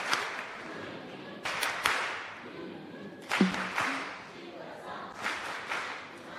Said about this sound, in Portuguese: Isto é. Palmas carinhosas.